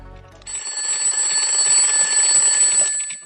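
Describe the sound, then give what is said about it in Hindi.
A loud alarm clock rings continuously with a bright, shrill metallic tone in a radio play, a child's alarm going off at 5 o'clock, starting abruptly after a brief low rumble and sounding for nearly three seconds before cutting off. “उठो, तुम्हारा अलार्म बज रहा है।”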